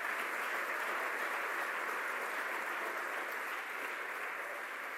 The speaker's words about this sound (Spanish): Dele un aplauso fuerte al Creador del universo en esta noche.